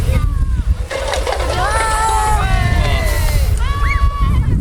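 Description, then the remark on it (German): Water sprays from the nozzle of a second fire hose line, turned open after the call "Wassermarsch", in a steady, continuous rushing hiss, while several voices talk over it throughout. “Genau, zweites Rohr Wassermarsch. Ne? Und jetzt aufdrehen.”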